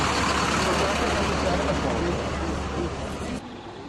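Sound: buses idling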